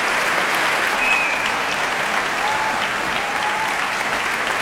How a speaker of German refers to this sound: Ja, großer Applaus für den Publikumspreisträger.